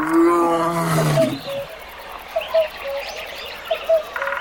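A lion lets out a loud, rumbling roar for about a second and a half, then it stops and scattered bird chirps carry on over a quiet outdoor background.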